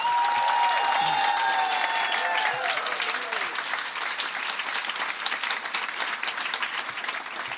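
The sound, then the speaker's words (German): Dense, steady applause from an audience at a poetry slam fills the whole stretch, a loud wash of many hands clapping, with a few whoops and whistle-like tones rising over it early on before the clapping carries on alone. “Nochmal ein Applaus”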